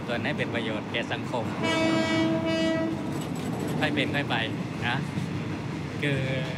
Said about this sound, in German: Der Zug fährt vor sich hin.